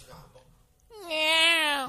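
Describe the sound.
On a Hits Unicom Radio broadcast, a human voice imitates a sulky cat, drawing out a single whiny, rising-then-sagging meow that lasts nearly a second, loud after a brief murmur.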